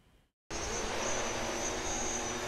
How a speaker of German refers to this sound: Mit lautem Getöse macht sich das neue Transportmittel auf den Weg. Eine Drohne hat Blutproben von Patienten aus dem St. Josef Krankenhaus an Bord und die fliegt sie jetzt zu einem 8 Kilometer entfernten medizinischen Labor.